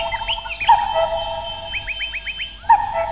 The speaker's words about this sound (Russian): кукушка беспристрастно выдала чей-то приговор.